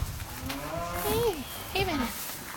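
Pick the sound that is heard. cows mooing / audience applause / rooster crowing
cows mooing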